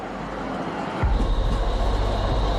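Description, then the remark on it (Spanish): A number 3 tram in Bosnia-Herzegovina rolls past on its rails. After a moment of street hiss, a loud rumble kicks in with a steady rhythmic clatter that carries on to the end. “El tranvía número 3 no funcionaba por razones obvias durante la guerra.”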